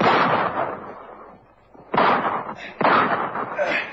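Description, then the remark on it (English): Three loud pistol gunshots fired as a robber runs from a bank with a bank guard after him, each a sharp crack with a ringing, echoing tail; one at the start, then two more in quicker succession after a short pause. “Crazy square with a pistol. He shot me.”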